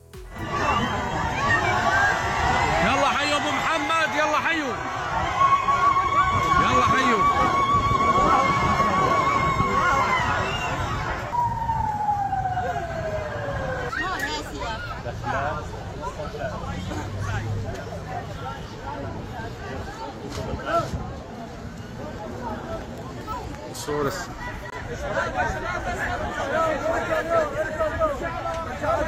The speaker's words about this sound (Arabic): لحظة وصول الرئيس الشرع إلى دير الزور أظهر ترحيب الديريين فيه بين هتافات وزغاريد